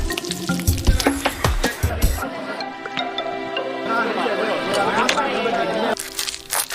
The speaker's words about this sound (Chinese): 在烈火的炙烤下，肥肉、瘦肉的油脂相互渗透，又融为一体。翻转间滋滋冒泡，香气弥漫，令人垂涎欲滴。